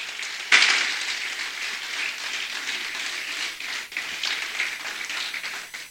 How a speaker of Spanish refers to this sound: Ok, entonces, ninguno hay, dale un aplauso al Creador.